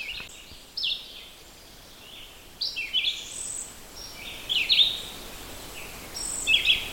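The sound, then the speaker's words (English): A red-eyed vireo, one of several nearby and the closest, loudest birds, sings short, high warbled phrases, each followed by a brief pause, repeating about four times at a steady pace. The bird is fairly close, with faint birdsong in the background, including chickadees. “And that's the red-eyed vireo. It's a series of notes, and then a pause in between.”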